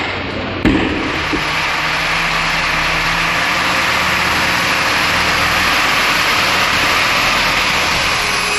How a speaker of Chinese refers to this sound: 满载工程柿子的大卡车连夜发车，前往俄罗斯圣彼得堡市。